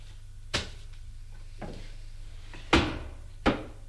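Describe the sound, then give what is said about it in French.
Cardboard folders of papers are put back into a desk drawer with a few wooden knocks and thumps, spaced out, the last two louder, over a faint steady hum with no one talking. “Il les remet dans le tiroir.”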